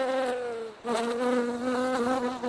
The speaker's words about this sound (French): Sans plus tarder, je vous laisse écouter nos abeilles au micro.